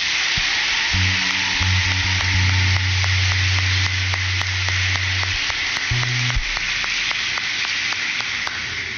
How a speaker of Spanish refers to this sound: Recibamos a nuestros reyes de la noche con un fuerte aplauso.